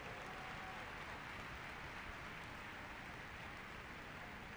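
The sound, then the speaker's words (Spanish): Steady, even applause from an audience, given for the King (God) at a preacher's call, a dense wash of many hands clapping at once without breaks. It stays fairly quiet for the whole stretch, and no one speaks over it. “Dele un aplauso al Rey.”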